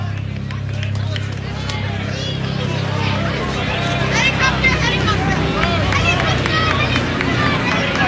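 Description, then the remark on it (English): A low, steady helicopter rumble from a helicopter flying low over a baseball game between Arkansas and Kentucky drones for the first few seconds, then fades under a busy crowd babble with excited children's voices chattering and calling out. “Sounds like the kids have noticed the helicopter buzzing us.”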